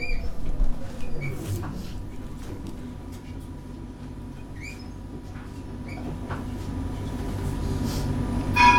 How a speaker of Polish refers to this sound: Przenosimy się na wschód do Rosji, do miasta Tula i tu znowu, no cóż by innego, tramwaj.